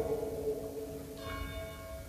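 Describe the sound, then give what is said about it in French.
Church bells ring out with a sustained, resonant tone, a fresh strike arriving just past the midpoint and adding bright overtones, with no talking. “Ah, on a les cloches, mais je vais réussir à parler pendant, j'ai fait des grands progrès.”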